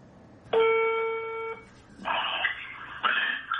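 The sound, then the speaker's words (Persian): A telephone ringing tone on a recorded phone call from one of Haj Saeed Tousi's students to him: a steady electronic tone for about a second, followed by two shorter buzzy rings in a repeating pattern, fairly loud, with no voices. “یکی از شاگردای حاج سعید طوسی زنگ میزنه بهش.”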